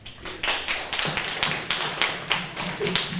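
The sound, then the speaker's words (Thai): A group of students in a classroom claps together for a classmate in a steady, even rhythm, about nine sharp claps in a row at a moderate loudness, with no voices over them. “ขอเสียงปรบมือให้เพื่อนนะครับ”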